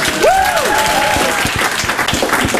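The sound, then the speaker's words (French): An audience breaks into steady, dense applause for a supermarket's alcohol-aisle employee, carrying on throughout, with a sharp rising and falling whistle cutting through near the start. “Donc je voudrais qu'on applaudisse tous René, parce que depuis que René est là, la consommation d'alcool a augmenté dans notre supermarché de 400%.”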